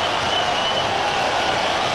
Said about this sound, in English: Payoff pitch to Pete. Swing and a drive. Deep right field. Can you believe it? Another home run. Listen to this crowd.